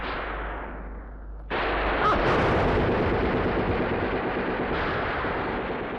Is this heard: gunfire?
yes